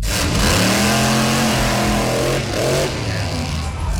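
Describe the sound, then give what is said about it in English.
A loud Monster Jam monster truck engine revs and roars, its deep harmonic tones climbing and falling in pitch, with a second rev surge near the end over a constant rumbling background. “There is your Monster Jam roar.”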